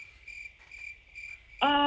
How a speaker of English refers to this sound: Where's those crickets at? I knew they were going to come into account.